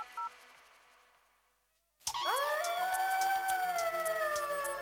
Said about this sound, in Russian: Волки.